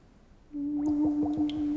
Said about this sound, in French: Maman, qu'est-ce qu'elle fait là? C'est elle qui souffle dans ce tuyau pour faire toutes ces bulles?